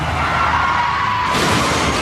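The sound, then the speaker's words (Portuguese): A car crash as a vehicle rolls over: a loud, dense roar of grinding and crunching that lasts about two seconds, turning harsher and brighter midway through, with no voices. “Chefe está capotando.”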